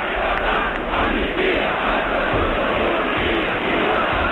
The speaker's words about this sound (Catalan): hi havia un crit solemne que tothom deia pels carrers de llibertat, amnistia i estatut d'autonomia.